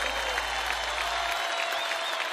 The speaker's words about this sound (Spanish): Más fuerte el aplauso para ….